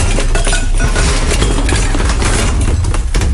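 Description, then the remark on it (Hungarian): A loud, sustained crash and clatter as a shelf gives way and many items tumble down, with clinking, rattling pieces like dishes and cutlery tumbling continuously for a few seconds. “Letört egy polc, és leesett róla sok minden.”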